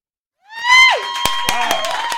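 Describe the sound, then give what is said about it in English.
A single voice lets out a loud, strained yell right up close to the microphone, holding it for about two seconds while a few sharp knocks or claps land underneath. “You just yelled really loud into the microphone.”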